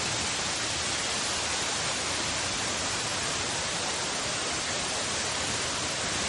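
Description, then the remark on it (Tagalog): A steady, dense roar of fast-moving floodwater rushes without pause through a swollen stream, filling the whole recording at a moderate level with no voices. “Di apa oh nagut sa sapa taon? Kebiha kusuga baha oi.”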